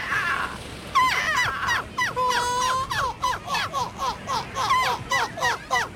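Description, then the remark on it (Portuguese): A person imitates a seagull's calls with a rapid series of loud, squawking, laughing cries, repeated rhythmically, with a drawn-out wail in the middle. “O Campeonato Europeu de Imitadores de Gaivotas voltou a juntar mais de 70 participantes na Bélgica.”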